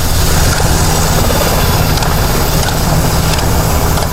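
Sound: helicopter flying overhead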